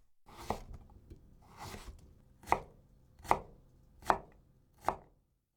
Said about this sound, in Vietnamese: Trong khi đang đặt đậu phụ trong tủ lạnh thì chúng ta chuẩn bị phần rau củ để trang trí. Đầu tiên là thái dưa chuột.